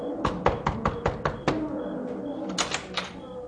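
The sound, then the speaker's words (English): A quick series of sharp, hard raps on the door of a house by a pilgrim seeking to stay the night, about six in an even rhythm, then a short pause before a few more clustered knocks. No voices. “Who knocks?”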